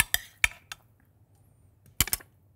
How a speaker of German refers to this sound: Wir haben einen Mixer. Da packen wir jetzt unsere Zutaten rein. Mhm. Den Kürbis und die Zwiebel.